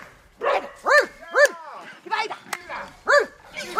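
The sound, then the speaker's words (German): A woman dog trainer imitates a dog barking to encourage a female hunting dog on a long leash approaching fenced-in wild boar, giving a quick series of short, rising and falling bark sounds with brief gaps between them. “Das Bellen, das zu hören ist, kommt von Hundetrainerin ….”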